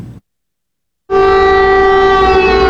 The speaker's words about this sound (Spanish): Las sirenas avisaban de ataque aéreo, pero no de su magnitud.